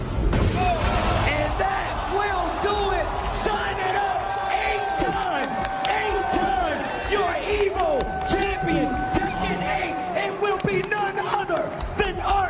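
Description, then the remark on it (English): An esports tournament crowd at a Tekken 8 match between Arslan Ash of Pakistan and Rongchu of South Korea cheers and yells without pause, many overlapping voices forming a dense, steady roar with scattered higher shouts and whoops rising above it. “You can sort of hear the volume of the crowd was not as loud as the first clip.”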